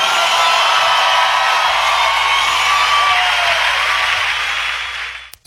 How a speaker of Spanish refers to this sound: aplauso fuerte.